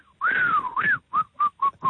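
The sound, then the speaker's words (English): A person whistles, imitating a mechanic who has opened a car's bonnet: a long rising and falling tone, a second swooping note, then four short, evenly spaced whistled blips in a steady rhythm, with no talking. “Opens up the bonnet, takes out his cigarettes, and he starts to whistle.”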